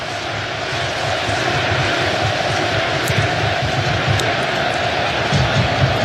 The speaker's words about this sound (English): And right on cue, the crowd recognizing they want to give the team a lift.